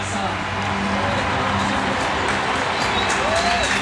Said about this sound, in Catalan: Escolteu l'ovació de l'Ullevall Stadion a les jugadores del Barça.